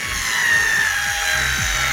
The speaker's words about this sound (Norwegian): Ja, det der er ikke en tann... Du har bare tatt en vanlig drill, da. Nei, det der var en annen feil lyd, egentlig.